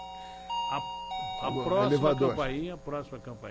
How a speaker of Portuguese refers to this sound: Pronto. Primeira campainha. Toca aí